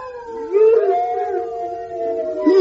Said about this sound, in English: Hey, did you hear that? There's a whole pack of them. There's a whole pack of horrible hounds. Don't panic, don't panic.